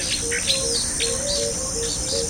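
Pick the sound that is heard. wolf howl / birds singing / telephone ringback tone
birds singing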